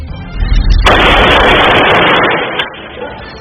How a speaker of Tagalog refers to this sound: Viral ngayon sa social media ang video ng lalaking yan na nagpapaputok ng baril sa Kawit, Cavite. Ang bitbit ng lalaki, AK-47, isang high-powered gun, habang palingalinga ito na tila may hinahanap.